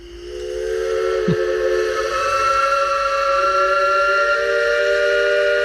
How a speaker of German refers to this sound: Kann man nicht überhören. Ja, und dieses Pfeifen von einem Elbe-Schaufelraddampfer, das kennt man. Das kennt man auch nicht nur in Dresden oder in Pirna, Rathen, Bad Schandau.